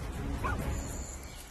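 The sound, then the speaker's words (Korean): A Pungsan dog, one of the dogs guarding a home against wild boars, badgers and raccoon dogs, lets out a short, fairly faint bark, heard once over a steady low rumble of background noise with no talking. “그래서 우리 강아지들이, 풍산개들이 큰일을 하는 거예요.”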